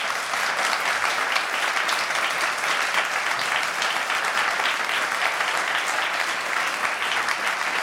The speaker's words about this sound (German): Erst einmal ein Applaus, liebes Publikum.